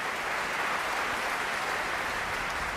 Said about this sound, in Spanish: Bueno, pues eran los aplausos ya para la orquesta del Mozarteum de Salzburgo, dirigida por Roberto González Monjas.